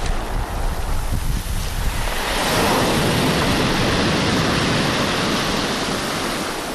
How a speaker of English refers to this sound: listening to the ocean. That's how they roll in Donegal.